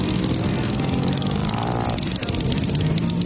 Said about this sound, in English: It sounds like a motor of some sort. Yeah, it's a motor of some sort, but what kind of motor?